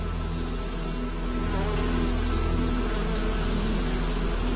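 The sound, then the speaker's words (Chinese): A steady, dense buzzing of many honeybees fills the scene, a continuous droning hum with no voices, unbroken throughout. “花粉是蜜蜂幼虫的主食”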